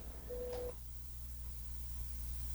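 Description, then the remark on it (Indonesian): A short steady electronic tone sounds briefly over a hissy, noisy phone-line hum during a radio call-in, then cuts off, leaving only the low buzzing line noise with no one speaking. “Ada siapa di ujung telepon sana? Saya ke telepon biasa dulu ya.”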